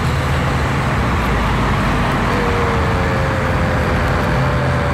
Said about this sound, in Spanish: Tráfico.